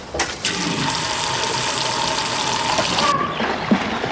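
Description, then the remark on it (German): Water gushes steadily into an inflated paddling pool in a garden for about three seconds, a loud, even hiss that cuts off abruptly, followed by a few faint drips and splashes. “Nun steht es aufgeblasen und mit Wasser gefüllt im Garten.”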